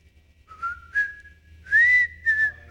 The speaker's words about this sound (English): That's all he whistles, the Andy Griffith Show.